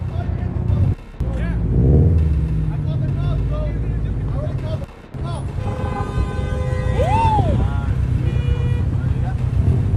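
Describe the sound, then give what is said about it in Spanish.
A steady, loud rumble of road traffic and running car engines in El Paso, Texas, where two drivers argue in the middle of traffic, with a brief horn-like toot and indistinct voices shouting somewhere in the mix. “Ahora vámonos hasta El Paso, Texas, donde dos sujetos se hicieron de palabras en medio del tráfico y luego ocurrió algo aterrador.”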